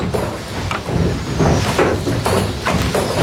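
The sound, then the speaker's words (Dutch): A windmill water pump, operated by a miller, pumps water from a polder on former peat land in the Netherlands, stamping and thumping in a steady rhythm, heavy knocks landing roughly twice a second over a continuous creaking, rumbling churn of machinery. “Het is een heel ritmisch apparaat. En je hoort zo dat gestamp en dat gebonk.”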